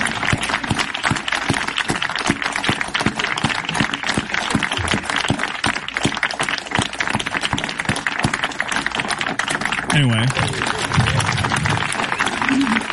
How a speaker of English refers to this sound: Sorry, I need to rewind it. They clapped for a little while.